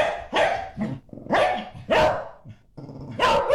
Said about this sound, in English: Bark back.